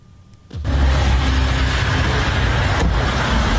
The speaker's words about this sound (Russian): Уже несколько дней подряд у моста в Керченском проливе в направлении России наблюдается большое скопление автомобилей.